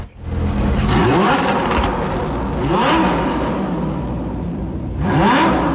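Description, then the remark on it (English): A loud racing car engine revs hard three times in a row, each burst climbing sharply in pitch before dropping back to a rough, throaty idle, with no talking. “I'll tell you what, I'm after you to identify what type of car, what type of vehicle that is. Well, it is a car, yeah.”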